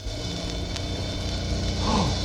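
A flying saucer approaching, casting a shadow over the sun and landing: a steady, loud mechanical drone with a low throbbing pulse, joined near the end by a short tone that swoops up and falls away. No one speaks.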